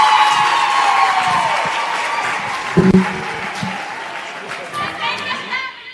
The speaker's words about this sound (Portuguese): Uma forte salva de palmas à nossa mãe, Ivete Alane, Ministra do Trabalho, Gênero e Ação Social.